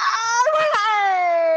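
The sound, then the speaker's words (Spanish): A person screams and wails in one long, loud, high-pitched cry that briefly breaks and wavers partway through, then holds a steady, strained tone to the end. “¿Por qué grita así, oiga?”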